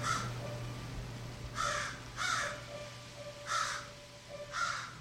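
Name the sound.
raven cawing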